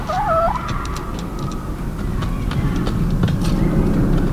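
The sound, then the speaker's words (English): Outdoor urban park ambience in London, a small patch of trees and vegetation with houses around it near Herne Hill Road, with a steady low rumble of road traffic from roads all around and passing trains on train tracks throughout, and a bird call rising briefly near the start. “And then roads all around it and train tracks.”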